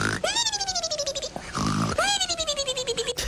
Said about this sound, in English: That's the funniest snore I've ever heard, but I like it.